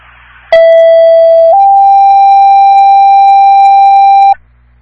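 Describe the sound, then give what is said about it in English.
Fire station one dispatch alert tones: a loud, steady electronic tone holds for about a second, then steps up slightly in pitch and sustains for roughly three more seconds before cutting off, with no voices. “Sir, your station one tones are okay, but your voice is fairly awful.”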